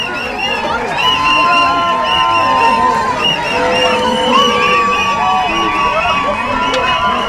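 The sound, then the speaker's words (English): A crowd cheers and shouts continuously at airport arrivals as Irish people who were intercepted on boats walk through, with overlapping whoops and high excited voices over a steady roar of chatter, loud throughout. “There were cheers and tears when they walked through arrivals.”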